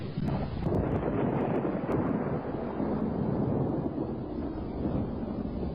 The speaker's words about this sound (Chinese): 山谷尽头的森林里，传来一阵阵沉闷的雷声。正是赏晴白日的中午，长空如洗，未见乌云，怎么忽然打起雷来了？